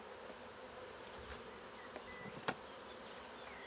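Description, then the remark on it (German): A steady, dense hum of a honeybee colony of nearly 20,000 bees buzzing together on a slanted platform as it is moved into a new basket hive; a continuous swarm drone with a few brief clicks and louder passing buzzes, no voices present. “Wird das Bienenvolk mit fast 20.000 Bienen sein neues Zuhause akzeptieren?”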